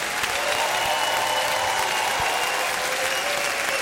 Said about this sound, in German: Und auch einen fabelhaften Applaus an die Kolleginnen und Kollegen an der Technik, Licht, Bild und Ton und die ganzen Menschen hinter den Kulissen.